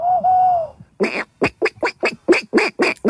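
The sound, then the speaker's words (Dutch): A contestant from a past edition of a Dutch bird-whistling championship imitates a bird call: one steady whistled tone, then a quick, evenly spaced run of about nine harsh, quacking bursts, fairly loud, with no talking. “In het Grietpark in Utrecht, het Open NK Vogelfluiten”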